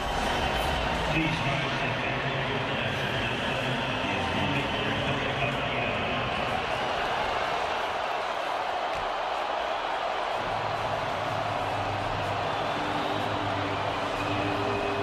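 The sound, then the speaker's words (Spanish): A huge stadium crowd boos loudly and continuously through a national anthem, a dense, unbroken wall of jeering with low sustained tones underneath that dip briefly before swelling again. “No soy de los que les gusta un pelo oír abucheos a un himno, a ninguno, porque representa un país, pero no solo en presente, sino para mí en su historia también.”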